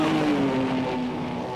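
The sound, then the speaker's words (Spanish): A powerful sports car engine roars loudly and continuously at full throttle, its throaty pitch sliding slightly downward as the car speeds off. No voices are heard. “Nada más metí el acelerador hasta el fondo y los perdí de vista.”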